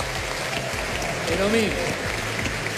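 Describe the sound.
An audience claps in a steady, dense wash of applause that holds an even loudness throughout, with a brief voice rising in pitch partway through.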